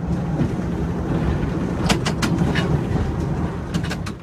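A steady, heavy low rumble of restored early-20th-century Pullman passenger railroad cars rolling along on the Chicago to New Orleans route in the United States, with sharp metallic clicks and clacks from the wheels breaking through at irregular moments.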